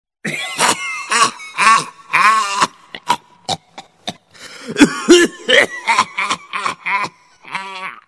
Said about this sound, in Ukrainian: О, це знову його кашель. Таке враження, що зараз викашляє самі легені. І уявіть собі, це не без допомоги цигарок.